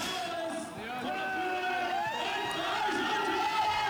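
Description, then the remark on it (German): A crowd of many overlapping voices cheers and shouts continuously, a dense roar with a rough, lo-fi quality, from an original live concert recording made at the Eiskeller. “Ist das eine Originalaufnahme? Naja, auf jeden Fall. Das ist aus dem Eiskeller oder was?”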